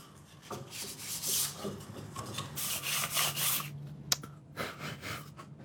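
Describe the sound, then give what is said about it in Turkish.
Steady, scratchy sandpaper rubbing in short back-and-forth strokes, moderately loud, with one sharp tap partway through and no talking, as sandpaper smooths the corners of a newly cut replacement part. “Şimdi köşeleri düzeltmek için zımpara kağıdı kullanacağım.”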